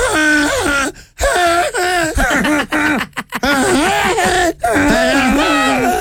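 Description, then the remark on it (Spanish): A person loudly imitates a donkey's bray, as a birthday song for a pet donkey named Camila, in a long run of strained, wavering vocal cries whose pitch slides up and down, broken by a few brief pauses. “¿cómo le cantarías a tu burra Camila si le hicieras un cumpleaños?”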